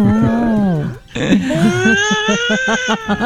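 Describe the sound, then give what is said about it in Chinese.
A voice imitates a baby crying, with a drawn-out wailing moan, a brief pause, then louder, rising sobbing wails in quick pulses. “但是我觉得好像好笑哦， 宝宝哭了，宝宝哭了，大概这个感觉了哈。”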